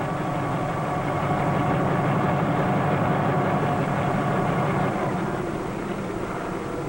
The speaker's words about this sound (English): The need for an aircraft independent of huge airfields is being met today by the helicopter, which can land in any area big enough for its whirling rotor.